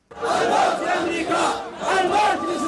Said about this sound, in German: Tod Amerika, Tod Israel. Mit Parolen und Marschmusik geben sich die Houthi in Jemens Hauptstadt Sanaa kämpferisch.